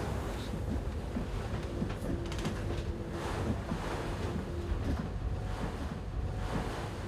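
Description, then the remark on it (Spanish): A continuous, rumbling wash of ocean waves mixed with gusty wind noise, steady and fairly loud throughout, with no voices. “Así puede reaccionar más rápido ante las olas.”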